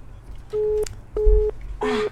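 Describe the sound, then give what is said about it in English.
A telephone line tone on a call-in line beeps three times in an even on-off rhythm, each steady-pitched tone lasting about a third of a second, over a low background hum with no one talking. “Hello, who there? My phone line.”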